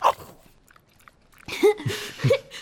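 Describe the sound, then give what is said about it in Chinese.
A dog named Shenghua chewing and gnawing on a piece of dried meat jerky brought from outside the palace, with wet, crunchy bites and small huffs, mostly in the second half after a brief quiet stretch. “陛下太抬举微臣了，以微臣看，生花不是跟微臣亲，是跟微臣从宫外带来的肉脯亲。”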